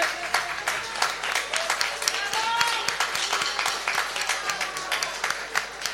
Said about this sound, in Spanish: gracias a Miguel Sobarela, pido vos un fuerte aplauso para él, que desde la radio nos está escuchando hoy.